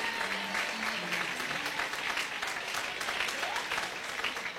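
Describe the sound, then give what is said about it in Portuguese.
A church audience claps steadily for Jesus, a dense, sustained wash of many hands applauding at an even level, with no voices standing out above it. “Pode se assentar e dê uma salva de palmas para Jesus.”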